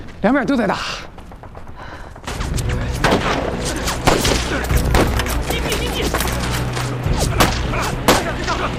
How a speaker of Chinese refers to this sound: 别急，不是敌人的进攻，枪声来自城外。 是不是彭子队长和周政委最援我们来了？